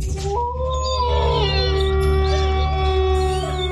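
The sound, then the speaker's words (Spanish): A long, drawn-out wolf howl in a radio station jingle glides upward and holds a wavering high pitch for several seconds, loud, over a steady low musical drone. “Poniéndole sabor a tu día desde el primer aullido.”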